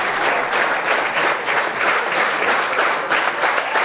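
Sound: concert audience applause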